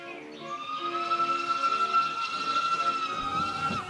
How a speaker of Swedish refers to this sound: Till Bökeberg åkte man tåg.